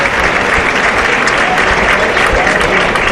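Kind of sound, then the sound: crowd, bullring crowd applauding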